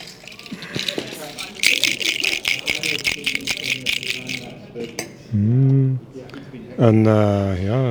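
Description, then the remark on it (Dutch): A plastic box full of small, empty plastic fish-shaped containers, the kind used to package portions of soy sauce, is shaken, giving a rapid, bright clattering rattle for about five seconds, followed by two short, low voiced sounds. “Dat is een soort plastic doos met daarin zo van die lege plastic visjes die men gebruikt om porties sojasaus in te verpakken.”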